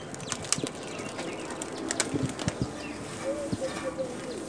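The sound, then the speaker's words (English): An elephant at Johannesburg Zoo reaches its trunk through the enclosure fence and pulls a leafy branch of green twigs inside for a snack: steady scratchy rustling of twigs and leaves with irregular crackles and snaps, fairly quiet, with a few faint chirps near the end. “You listen really carefully, you can hear him pull the branch inside for a snack.”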